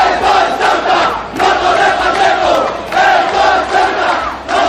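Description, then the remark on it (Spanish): A large crowd at a far-right rally in Ceuta chants slogans in loud, rhythmic bursts, including shouts against Vise Pérez and "Esto es Ceuta y no Torre Pacheco", many voices shouting together in repeated phrases with brief dips between each chant. “Se escucharon gritos contra Vise Pérez, entre otros, de "Esto es Ceuta y no Torre Pacheco".”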